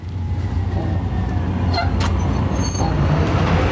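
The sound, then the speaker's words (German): A city bus pulls away, its heavy diesel engine rumbling loud, with a short hiss of air brakes partway through and steady traffic noise around it. “Scheiße, schon wieder Bus verpasst.”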